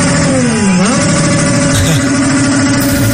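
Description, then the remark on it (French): Several car engines rev loudly and continuously at night below a hotel in Mexico where Ecuador's players sleep, revved by Mexican supporters, their droning pitch sagging and then climbing again as the throttles are worked, with a dense rumble underneath and no pauses. “Ça, c'est des voitures.”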